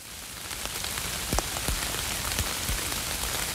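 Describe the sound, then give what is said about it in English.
Steady rain patters onto the broad, heart-shaped leaves of butterbur, a dense hiss punctuated by several louder, distinct drops landing at irregular moments. No voices are heard. “When rain is collected by its broad leaves, it flows down the grooved leaf stalk.”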